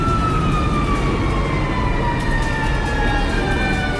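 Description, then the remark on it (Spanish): A fire engine siren wails steadily over a dense rumble of street traffic as firefighters arrive at an overturned car on Gran Avenida near Metro Ciudad del Niño, its long tone gliding slowly downward in pitch, fairly loud throughout, with no one speaking. “Ahí vienen los bomberos.”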